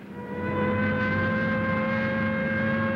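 A track ambulance engine roars steadily at speed as it races across the field, a loud, sustained droning hum that swells in within the first half second and holds nearly constant throughout, with no voices.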